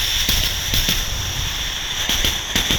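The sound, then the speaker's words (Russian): A voice imitates a train as a favourite signature sound: a steady, breathy hiss with a high whistle-like tone running through it, punctuated by irregular puffing bursts like chugging. “Поезд.”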